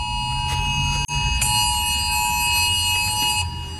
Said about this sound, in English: That's a recording from my phone of the phones in the office going off at noon for 10.8 seconds. Timed it.